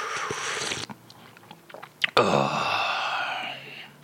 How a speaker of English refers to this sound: But first, let us have a quick slurp and wash away the sugary aftertaste.